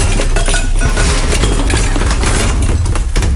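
A shelf gives way and a jumble of objects tumbles down in a loud, sustained clatter of clinks, knocks and rattles lasting several seconds, with no voices.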